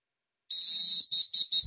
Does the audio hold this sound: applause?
no